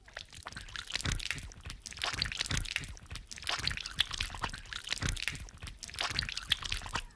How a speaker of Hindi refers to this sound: माँ, नल से तो पानी आना बंद हो गया। मैंने अभी तो पूरी तरह से हाथ भी नहीं धोए।